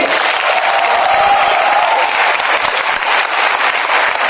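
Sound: audience applause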